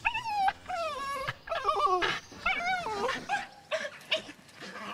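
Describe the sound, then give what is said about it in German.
Kyra, an excited farm dog, whimpers and whines in high, sliding tones, broken by short sharp yips, as the cattle are let out, sounding almost continuously and fairly loud with no one talking. “Der ist auch immer ganz aufgeregt, wenn die da rauskommen.”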